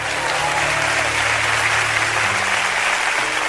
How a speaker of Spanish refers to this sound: Muy bien, aplauso.